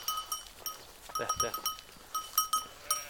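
A flock of sheep bleats in short, overlapping bursts, fairly close and moderately loud, with steady high tinkling tones running through the calls and no talking.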